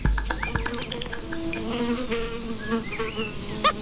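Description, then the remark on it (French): A horsefly buzzes in flight, a steady droning hum that wavers slightly in pitch for the whole few seconds, with faint chirps and rustles around it and no voices. “Pour leur échapper, mieux vaut porter des vêtements couvrants et de couleur claire, car rien ne les arrête, pas même la pluie, d'où leur nom, temps des pluies.”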